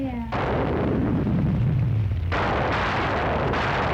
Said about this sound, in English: There's nothing dumb about a freak thunderstorm putting out a fire.